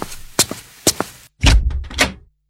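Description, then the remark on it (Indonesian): Loud knocking on a house door by a man and a woman: two pairs of sharp raps, then a heavier burst of rapid pounding that stops abruptly. No voices are heard. “Terdengar ketukan pintu keras.”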